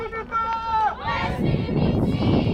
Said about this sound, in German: Wir erreichen die Insel, begleitet vom Jubel der mitgereisten Aktivisten.